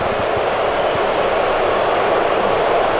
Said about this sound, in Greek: Ακούτε για τις αποδοκιμασίες. Ναι, αποδοκιμάζουν μεν, αλλά δεν είναι καθόλου φρόνιμο αυτό που κάνουν